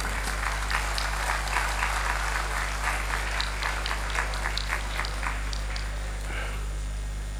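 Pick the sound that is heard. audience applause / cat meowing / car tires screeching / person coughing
audience applause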